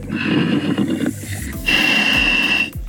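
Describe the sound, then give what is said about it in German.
Two long, harsh, rasping breaths from a scuba diver sinking down a chain in the Mummelsee lake, carried over a crackly underwater radio link, loud, the second with a thin whistling tone, and no speech. “Darth Vader im Mummelsee. Jetzt hört man ihn richtig atmen.”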